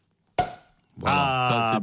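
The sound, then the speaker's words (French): A champagne cork pops once with a sharp, loud crack, followed by a short fading hiss; about half a second later a voice begins talking over it. “On débouche le champagne.”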